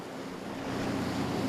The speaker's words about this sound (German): Obendrein haben sie heute ordentlich Wellengang.